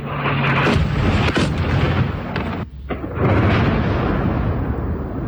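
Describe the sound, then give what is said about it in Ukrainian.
Heavy, rumbling explosions of Russian guided aerial bombs striking Dnipro, Ukraine, on 13 October boom one after another, at least four loud blasts with sharp onsets and a continuous roar between them, powerful, with no voices. “Місцеві чули щонайменше чотири вибухи.”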